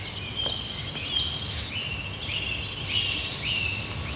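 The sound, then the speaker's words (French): A common nightingale sings a run of clear, high whistled notes and quick trills, repeated phrases rising and falling, in a forest over a steady hiss of outdoor background noise. “Mais c'est un vrai rossignol.”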